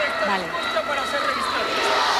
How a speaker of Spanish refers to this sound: Están presentando honores las cabezas de los cuerpos militares y los gritos de la multitud.